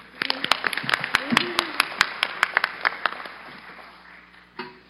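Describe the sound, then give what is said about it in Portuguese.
A round of applause for the Corpo Musical da Polícia Militar do Estado de São Paulo after it performed the Brazilian National Anthem: many sharp, overlapping hand claps rattle along briskly for about three seconds, then thin out and fade, leaving a soft murmur and one brief bump at the end. “Uma salva de palmas.”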